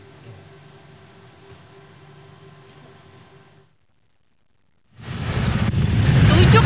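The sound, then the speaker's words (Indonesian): Congested traffic with cars and motorcycles: a low, steady idling engine hum, a brief silence, then a loud, dense wash of engine and street noise. “Sejumlah pengendara sepeda motor yang tidak sabar terlibat adu mulut dengan warga yang membantu mengatur lalu lintas.”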